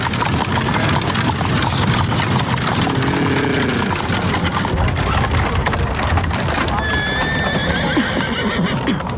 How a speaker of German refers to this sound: Vorsicht, Watson! Lassen Sie die Kutsche vorbei.